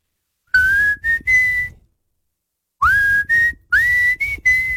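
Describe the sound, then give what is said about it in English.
A person whistles a short melody of clear, sliding notes from a rock song, in two phrases separated by a brief pause. The whistling is loud, with some breathy noise underneath and no talking. “One thing when I listen to that song, I wonder how many times it took to get that whistle down pat. It doesn't always sound great into a microphone.”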